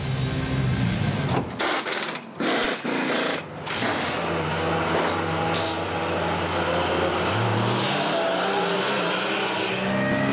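Race cars roar along a track, out on the circuit so the team can choose race tyres, engines whining loudly through rising and falling revs as several cars pass in quick succession, with a sustained high-pitched drone throughout and no voices.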